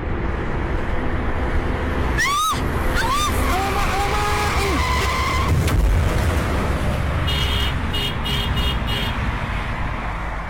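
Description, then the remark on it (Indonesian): A car's tires squeal in sharp rising chirps, then a sudden crash as the car, driven by someone using a phone while driving, is scratched in the collision; a few seconds later a rapid string of high beeps sounds over constant roadway noise. “Lecet lah mobil nih. Kan udah aku bilang, kena batunya kan kamu.”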